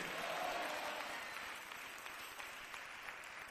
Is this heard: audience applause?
yes